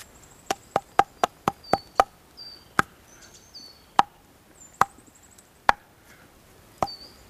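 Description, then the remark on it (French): Sharp, hollow knocks on a tree trunk covered in a thick coat of moss and lichen: a quick run of about seven evenly spaced raps, then five slower scattered ones, with faint high chirps from scattered birds in the background. “La sonorité du tronc, les oiseaux épars qui gazouille.”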